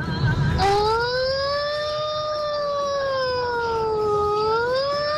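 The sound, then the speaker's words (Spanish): A single long, loud wailing scream rises suddenly and holds for several seconds, its pitch slowly wavering up and down like an ambulance siren, over faint background noise. “Ay, no, es que era La Llorona, remix con ambulancia.”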